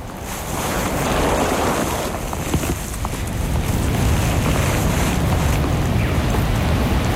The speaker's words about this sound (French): Crête vertigineuse. Vous marchez entre la brise du vent et le ruissellement du vide.